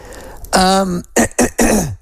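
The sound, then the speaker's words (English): A loud, close throat clearing with a raspy voiced rumble, followed quickly by three sharp coughs in a short burst, the last one longer and trailing off. “please, my apologies, my cough is still there.”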